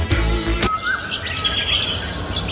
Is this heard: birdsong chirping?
yes